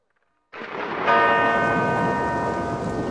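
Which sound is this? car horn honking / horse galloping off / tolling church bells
tolling church bells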